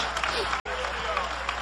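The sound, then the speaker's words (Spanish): A church audience claps together during a sermon, applauding in praise of Jesus as the Lamb of God. It is a steady, dense wash of applause with voices calling out among the clapping. A brief instant of silence cuts through partway. “Dale un aplauso de alabanza al Cordero de Dios.”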